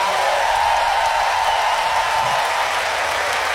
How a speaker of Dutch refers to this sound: Al die mensen die daar aan gebouwd hebben, wil ik ook een groot applaus voor.